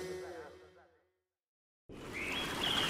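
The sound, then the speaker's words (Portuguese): After a short silence, a dense outdoor ambience rises with thin, high bird calls threading through a steady wash of background noise: birds singing at dawn in the Amazon rainforest. “Não é apenas o canto dos pássaros. É o som do amanhecer na Amazónia.”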